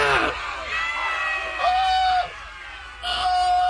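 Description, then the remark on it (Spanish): A crowd of jungle animal characters shouting "Murderer!" angrily together, voiced by people, their overlapping cries rising in three loud bursts with brief dips between them. “El elefante había pisado a la hormiga y todos los habitantes de la selva empezaron a gritar: ¡Asesino!”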